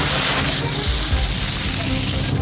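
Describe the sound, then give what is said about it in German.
A steady, grainy hiss of fine sand, finer than gravel, trickling down at a bathing lake with a full sand beach, a dense rush of fine particles that stays even in loudness for a couple of seconds with no voices. “Es ist feiner als Kies. Sand.”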